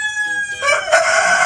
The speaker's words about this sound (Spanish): Sí, hombre, estos son gallos. Sí, no son personas, son gallos. Pero están concursando en algo. Están concursando.